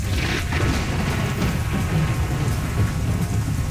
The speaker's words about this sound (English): But I just remember that kind of thick, heavy, humidity kind of feeling. Thick, humid, dark storm. I do remember it just getting super dark early.